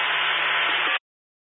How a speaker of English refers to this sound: On that, your radio static.